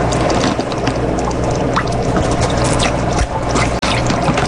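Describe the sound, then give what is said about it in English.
Steady watery gurgling and suction noise from a turkey baster drawing about 30 milliliters of orange-tinged shrimp water from a tank's water chamber to feed a pet named Fingers, running continuously over a low mechanical hum, with a brief click near the end and no talking. “Use turkey baster to remove approximately 30 milliliters of shrimp water solution from water chamber.”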